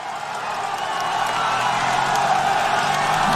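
A crowd of roadside spectators cheers along a cycling race, a steady, dense roar of voices with scattered whoops that swells slightly after the first second and holds loud throughout.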